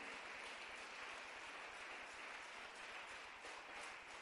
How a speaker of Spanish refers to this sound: Démosle un aplauso al Señor, todos los que ya somos de Cristo.